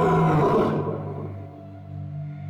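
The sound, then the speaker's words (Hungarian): A single loud roar from a lion caught in a net bursts out harsh and full for under a second, then fades into a deep, rumbling growl that trails off. No voices accompany it. “A hálóba akadt oroszlán akkorát ordított, hogy az 7-7 határon túl is hallatszott.”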